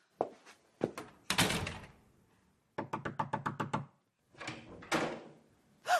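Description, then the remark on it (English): A bathroom door being handled and shut: several sharp clunks and a scraping swing, a quick rattling burst of taps, then a final solid thud as it closes. No one speaks. “You go into the bathroom. But why? It is my lunch. Just do it. Do it. And close the door.”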